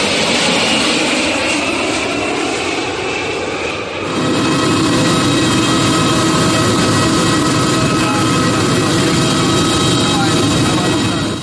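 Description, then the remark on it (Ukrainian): A loud, steady roar of an airplane's jet engines at a New York airport, where the Ukrainian delegation's plane is about to land; continuous, with a high whine running through it, the rumble deepens and thickens after a few seconds, then holds constant. “Ми зараз в Нью-Йоркському аеропорту, де буквально з хвилини на хвилину має приземлитися літак української делегації.”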